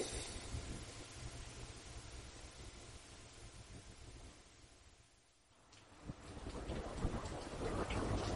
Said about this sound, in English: It's a cold and rainy day.